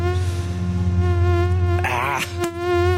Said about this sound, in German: Die Mücken sind unterwegs. Jetzt, wo es doch mal mehr geregnet hat nach der Hitze, das ist ja wirklich ideales Mückenwetter.